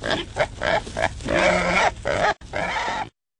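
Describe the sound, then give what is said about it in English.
Wild hog grunting, loud and harsh: a quick run of short rhythmic grunts gives way to longer, rougher squealing grunts, then a final burst that cuts off abruptly. No one speaks. “Wild hogs are destroying crops, sensitive natural areas, and lawns.”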